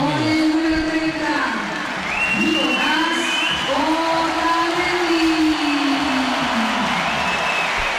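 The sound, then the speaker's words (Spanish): A large stadium crowd applauds loudly and steadily for about eight seconds as the starting line-up is shown on the LED screens, with drawn-out rising and falling tones, like whistles or voiced calls, running over the dense clapping. “Mix de aplausos y”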